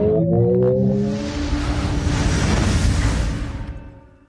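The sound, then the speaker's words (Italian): A Ferrari Luce electric car's synthesized driving sound: layered electronic tones glide upward over a deep, steady rumble that holds loud for a few seconds, then fades out. No one speaks. “Finalmente abbiamo sentito la voce della Ferrari Luce.”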